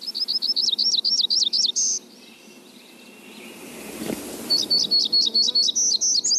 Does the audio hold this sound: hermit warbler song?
yes